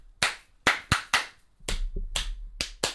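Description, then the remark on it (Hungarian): About seven or eight sharp hand claps in a loose, uneven rhythm, fairly loud, with a faint low rumble underneath during the second half and no voices. “Hogy öregi férfiak tapsolnak nekem. Tapsold vissza.”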